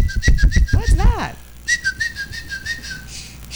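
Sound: person attempting to whistle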